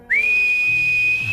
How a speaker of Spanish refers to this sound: Sí, señor, el silbido.